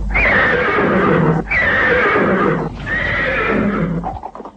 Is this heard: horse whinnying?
yes